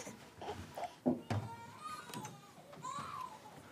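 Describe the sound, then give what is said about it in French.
A baby wails in short, strained bursts with rising and falling pitch, fairly quiet, over faint background noise. “Maman, le bébé pleure.”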